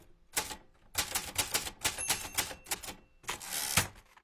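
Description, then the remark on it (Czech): Rapid mechanical typewriter keystrokes clack in quick bursts with short pauses between, crisp, with a brief high ding partway through and no voices. “Před pár lety jsem našel listy papíru psané na tiskacím stroji.”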